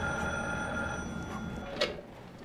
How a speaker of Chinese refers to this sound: 你快接电话吧，也不知道是谁，都响了好几次了。